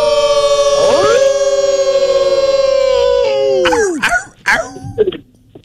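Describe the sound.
A person in Virginia imitates a wolf with one long, loud howl that swoops up and holds steady for several seconds, then breaks off into a few short, yelping vocal bursts.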